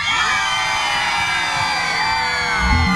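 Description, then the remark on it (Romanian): A large concert crowd in Galați screams and cheers continuously at a Radio Aventura event, a dense wall of high-pitched shrieks and whoops that stays loud and steady throughout, with no clear speech above it. “Cine e în partea asta, țipă cu …? 3, 2, 1 și...”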